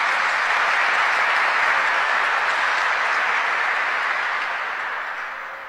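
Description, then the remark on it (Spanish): Loud, sustained applause from an audience honouring Luis Alberto del Paraná on his 100th anniversary, a dense wash of many hands clapping that holds steady for several seconds before tapering off slightly at the end. No voices are heard. “A este gran embajador inolvidable que le llevó el nombre de Paraguay a tantos lugares del mundo, hoy le recordamos 100 años y con un caluroso y fuerte aplauso para Luis Alberto del Paraná.”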